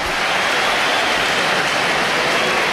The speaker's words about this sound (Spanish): Bueno, ¿hay división de opiniones? ¿O? Hay aplausos para Hugo Duro, yo creo.